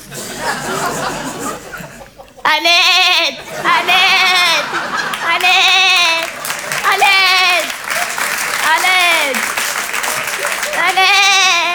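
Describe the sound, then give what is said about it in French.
A person imitates an Eid sheep with a series of about six loud, wavering bleats in steady succession, each a drawn-out quavering baa, following a moment of muffled background noise. “Et je fais très bien le mime des animaux. Mon préféré, c'est le mouton de l'Aïd.”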